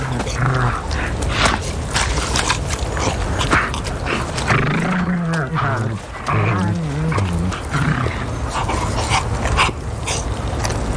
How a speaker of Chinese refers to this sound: 扑倒野猪后，饥饿的狼立刻围拢过来，分食猎物。